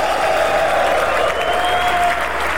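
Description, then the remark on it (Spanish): An audience applauds for Shaddai (God) steadily, a dense, continuous wash of clapping that holds at an even, loud level for a few seconds, with a faint sustained tone running underneath. “Ese aplauso a Shaddai.”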